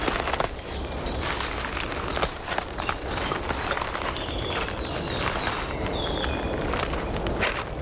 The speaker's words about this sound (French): Une multitude de brindilles. De branches desséchées. Sous mes pieds.